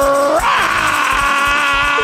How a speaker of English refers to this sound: But if you like me and you excited about How Sweet the Sound, then you screaming, ADR!